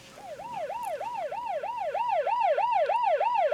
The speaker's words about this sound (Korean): 1층 엘리베이터에서 내리자 사이렌 소리가 크게 들렸다.